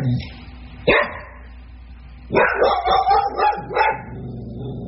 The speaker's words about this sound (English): I was nodding off to sleep, and he saw our neighbor walking his dog, Desi. Anytime he sees anything out the window, the dog starts barking, waking me up.